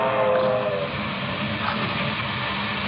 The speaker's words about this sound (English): It is Thursday night in July 1931. A local passenger train speeds through the rocky country of West Texas. While the engineer watches the track ahead, the perspiring fireman shovels coal into the flaming firebox.